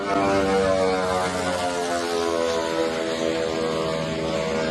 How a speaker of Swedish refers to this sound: Ett videoklipp på sociala medier visar en ukrainsk drönare som slår ner med ett eldklot i ett handelsfartyg. Filmen är tagen från ett annat fartyg med en lika förvånad som förskräckt besättning.